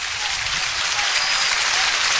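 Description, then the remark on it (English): A baseball stadium crowd rises to its feet and cheers and applauds in the first inning as pitcher Horn gets ahead 0-2 on batter Bassetta. A steady, dense roar stays loud and even for about two seconds, with no voices rising above it. “Crowd to their feet here in the first.”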